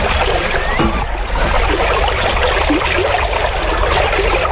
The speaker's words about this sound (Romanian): Așa, acum copii, tragem barca la țăr. Așa, așa.